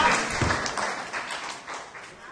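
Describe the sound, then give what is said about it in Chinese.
A small group of grandparent-age students in a Wednesday painting class claps steadily together after a classmate shares, a dense patter of hands at moderate volume with no voices standing out. “好，拍拍手。”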